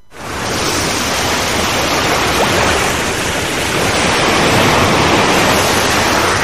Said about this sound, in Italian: Quando è stata l'ultima volta che hai ascoltato davvero il mare?